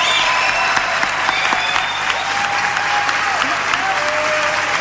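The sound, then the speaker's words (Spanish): Loud, sustained audience applause fills the whole stretch, a dense steady wash of clapping with no pauses, and a few faint tonal whistles or cheers rising above it. “Fuerte el aplauso.”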